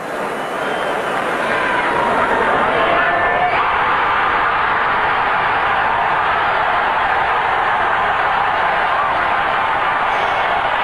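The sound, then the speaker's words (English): A huge home stadium crowd of 70,000 Canadian fans cheers in one continuous, loud roar that holds steady for about eleven seconds as high jumper Joy clears 2.23 meters (7 feet 4 inches), a dense wash of voices with no single speaker standing out. “As you heard that enthusiasm from the crowd, they knew that Joy had the silver for sure and still had a chance at gold, which Joy had predicted would be won with a 2.25 meter jump.”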